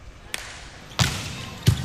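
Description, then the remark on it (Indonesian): A volleyball jump serve is struck hard, with sharp ball-hit impacts: a faint early tap followed by two loud, punchy smacks about a second apart against a steady background hum. “Cukup baik bagaimana jump serve yang sudah dilakukan.”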